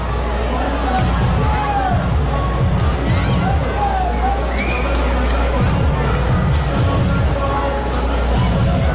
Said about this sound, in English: With the amount of homers we've had today, every ball off the bat into the air. This crowd is juiced and amped and thinks it might get out of here. I don't blame them. Pigs have given them hope.